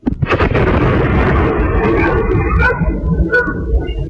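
A sudden loud sonic boom cracks in the sky overhead, recorded by an eyewitness, then rolls on as a broad, rumbling roar for a few seconds before slowly thinning out. No one speaks.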